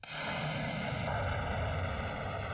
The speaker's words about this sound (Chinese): 西南某机场战鹰列阵，引擎轰鸣， 南部战区空军航空兵某部多架战机满载实弹依次升空，飞赴预定空域展开对地攻击训练。